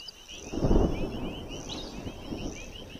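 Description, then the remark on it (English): A low rumble of thunder from a storm in a tropical region, just before the rainy season, swells early and fades, while insects and birds keep up a steady high chirring throughout. “Already the vultures seem resigned to the storm.”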